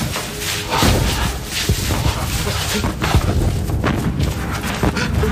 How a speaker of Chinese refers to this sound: 我听见了，是炮声，解放军来接我们了。